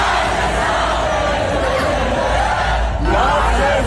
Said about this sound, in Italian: Il più celebrato, l'eroe di casa, Max Verstappen, ce ne torneremo col mal di testa a forza di sentirli tutti quanti cantare quel motivetto che sentite in sottofondo